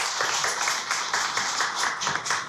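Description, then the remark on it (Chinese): Steady audience applause at a music concert welcoming the event's organizer, a dense wash of many hands clapping at a lively, even pace, holding at a consistent loudness throughout with no voices over it. “现在呢，让我们用最热烈的掌声有请这株从空谷中走来的幽兰”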